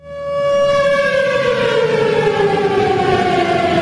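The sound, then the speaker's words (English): A tornado warning siren sounding in Bemidji during a derecho storm with hurricane-force winds in summer 2025 rises quickly and holds a loud, steady wail whose pitch slowly sinks, with a rough background rush beneath it and no one speaking. “It brought hurricane-force winds and triggered tornado sirens, as captured in this clip from Lakeland PBS.”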